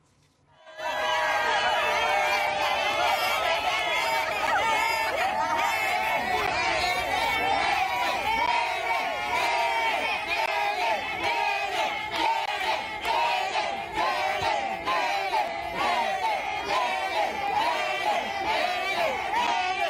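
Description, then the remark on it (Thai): A large crowd of Thai people in America roars and shouts in celebration of a championship win, a dense, continuous wall of cheering voices that starts abruptly and stays loud for the whole stretch. “ได้แชมป์ก็ฉลองชัยกันแบบนี้ครับ”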